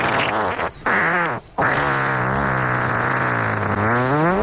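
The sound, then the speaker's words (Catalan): A long, loud, drawn-out fart with a buzzing, wavering pitch, broken by two brief pauses near the start before stretching on steadily to the end. No voices. “És un pet irlandès.”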